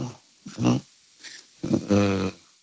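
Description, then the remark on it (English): Dolphin vocalization: a few short, buzzy squawks and grunting calls in quick bursts, the last one longer and louder, with no talking. “No. Dolphin. Dolphin is correct”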